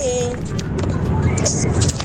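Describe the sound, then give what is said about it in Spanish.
Inside a moving car on the way to Paputo: a steady low engine and road rumble fills the cabin, with faint muffled voices and brief higher sounds drifting over it. “Saludo a todos los que vamos aquí en el auto.”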